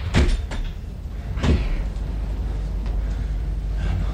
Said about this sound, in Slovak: Rýchlo, zatvorte dvere.